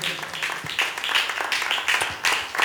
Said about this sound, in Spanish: Si usted cree, hermano, en Cristo Jesús, démosle palmas a él, hermano.